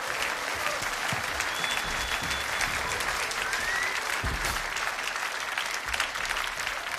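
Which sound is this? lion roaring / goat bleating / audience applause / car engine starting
audience applause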